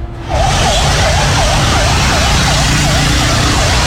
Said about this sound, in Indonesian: dari grup relawan Malang ST Anget, ini grup relawan ambulan menyampaikan terpantau ada dua mobil pemadam kebakaran ini lewat di daerah Bandulan arah ke barat.